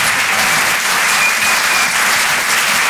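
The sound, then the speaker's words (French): A comedy club audience at the Rire et Chanson Comedy Club claps steadily in a dense, sustained wash of applause, loud and continuous throughout, with no voices standing out. “Je demande un tonnerre d'applaudissements, s'il vous plaît, pour Florent Père.”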